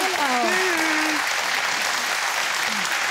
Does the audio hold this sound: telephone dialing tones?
no